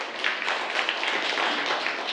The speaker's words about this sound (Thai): ปรบมือให้กับเพื่อนด้วยนะครับนักเรียน